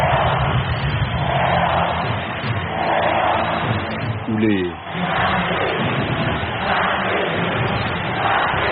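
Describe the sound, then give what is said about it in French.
A dense, loud crowd of spectators at a swimming competition roars and shouts continuously, a broad wash of cheering voices with a brief dip in the middle before the din swells again. “A défaut de goodies, ils savent comment mettre l'ambiance avec une technique simple. Crier fort. Très fort.”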